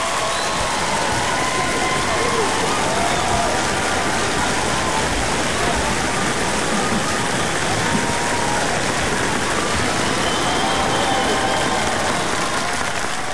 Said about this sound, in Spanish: Bueno, primero que nada, aplauso para usted.